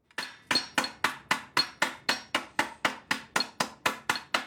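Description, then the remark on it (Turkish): Steady, rapid blows of two round-head hammers ring out against curved sheet metal being straightened from the inside, about fifteen evenly spaced metallic strikes with bright, clanging tails, with no talking. “Gördüğünüz gibi burası kavisli olduğu için içeriden düzelteceğim. O yüzden iki yuvarlak uçlu çekiç kullanacağım.”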